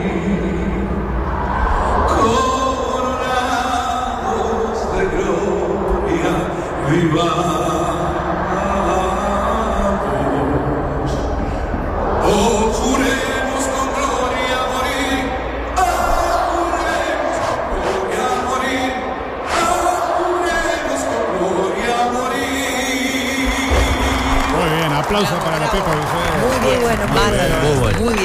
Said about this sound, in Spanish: Escuchen el coro de niños. Sí.